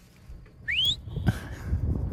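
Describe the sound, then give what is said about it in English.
A person whistles a quick upward-gliding note during an encounter with a wolf, followed by a thinner, steadier whistled tone, over low rumbling outdoor background noise and faint rustling. No one speaks. “I'm sure you did some research if you encounter a bear, but like you say, probably not expecting a wolf, and you hear you whistling and kind of making noise.”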